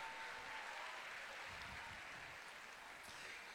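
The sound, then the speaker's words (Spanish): Steady crowd applause for Iquique, in Chile's Tarapacá region, as a farewell on the final day, a dense, even wash of many hands clapping at constant loudness without pauses or voices. “Un aplauso para Iquique, chiquillos.”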